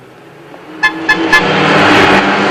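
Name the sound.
convertible car driving past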